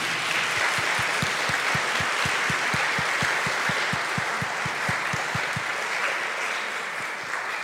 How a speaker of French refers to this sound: Merci beaucoup, Monseigneur Gobillard, pour cette belle intervention sur la miséricorde. Donc, vraiment, on a été bien nourris et de la parole de Dieu, de votre expérience aussi au milieu de nous. J'aimerais bien qu'on puisse l'applaudir.